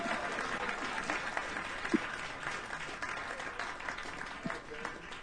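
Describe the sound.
An audience claps steadily for about five seconds, a dense, even wash of hand claps at moderate loudness with a few sharper individual claps and faint voices mixed in.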